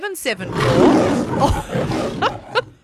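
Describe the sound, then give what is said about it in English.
A lion roar from a film studio logo, deep and loud, rumbles for about two seconds, swelling and then fading, with brief bits of a voice speaking at the start and end. “Is it the lion in the Paramount thing?”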